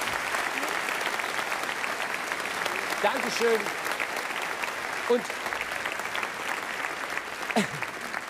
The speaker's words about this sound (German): Ich finde es einfach so toll, Freunde, dass ihr uns die Treue haltet. Jetzt gibt's mal einen Applaus für unsere ehemaligen Brautpaare. Ich finde es so toll.